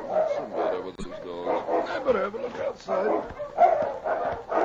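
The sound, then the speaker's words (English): Several sled dogs bark and yelp in quick, overlapping bursts, fairly loud, with whimpering cries mixed between the barks, in the snow beside a sled outside a cave during a heavy snowfall. “Preston was almost asleep when he was roused by his dogs.”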